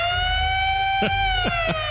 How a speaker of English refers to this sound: That siren almost sounds like a bad thing, but it is a good thing in this case.